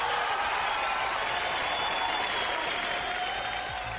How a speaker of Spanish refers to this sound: Harto aplauso hoy día, ¿eh? Hoy día sí parece que anduvo buena la recolección de aplausos.